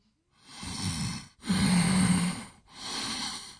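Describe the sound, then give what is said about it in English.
Three long, loud nasal snorts in a row from sinus irritation, each a rough, breathy rush of air through the nose lasting about a second, with brief pauses between them. “That sinus irritation response, that can get to a lot of people. The breathing.”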